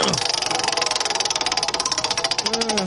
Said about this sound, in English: I'm going to trust you to give it a spin. It's the wheel of topics right here on Hammer and Emmett. I'm going to spin it as hard as I can this time.